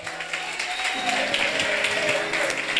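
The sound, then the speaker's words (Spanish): An audience applauds God steadily, a dense, continuous wash of many hands clapping at a loud, even level with no pauses, a faint sustained tone running underneath. “Dele aplauso al que vive, corra.”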